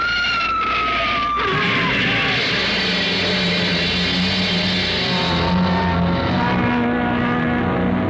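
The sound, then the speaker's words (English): Car tires screech in a short descending squeal as the car skids about 20 feet, then a sharp crash as it slams into the back of a big black hearse pulling out of a cemetery, followed by loud, steady engine rumble and rattling that continues for several seconds. No voices. “Lucky I had good brakes. We skidded for about 20 feet and slammed into the back of the hearse.”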